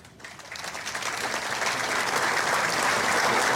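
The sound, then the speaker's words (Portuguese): An audience at the Legislative Assembly of Madeira applauds as former deputies receive tributes, a dense wash of clapping that swells quickly after a brief start and holds steady and loud throughout, with no voices heard. “A cada deputado que é chamado também para receber esta homenagem, naturalmente toda a plateia está também a aplaudir a cada representação de partidos que já estiveram e fizeram parte da história da Assembleia Legislativa da Madeira.”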